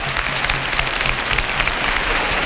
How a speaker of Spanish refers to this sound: Las palmas que están en los brazos de todas estas personas que pasan por encima de sus cabezas. ¡Qué cosa más grande! ¡Cómo llueven estos aplausos!